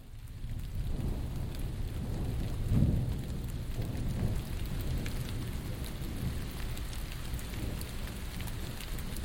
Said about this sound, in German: Es regnet. Die Ausflügler ziehen sich von der Basteibrücke in die Gaststätten zurück. Und auch mit dem Klettern ist es für heute vorbei.